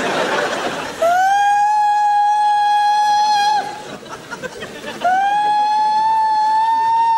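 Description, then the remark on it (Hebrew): A loud siren wails in two long, steady tones, each swelling up quickly and then holding at a mid pitch. A short gap separates them, and crowd chatter is audible at the start. “צפירה, צפירה.”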